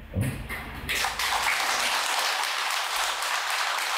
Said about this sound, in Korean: 야, 내가 오늘 여덟 번째 법무인데 여덟 번 만에 처음 나오네 박수 소리가.